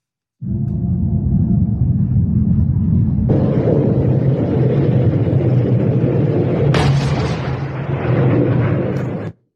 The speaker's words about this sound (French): Les États-Unis visent ici une base de lancement. Écoutez, la zone est secouée par de fortes explosions.